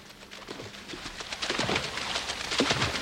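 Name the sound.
water splashing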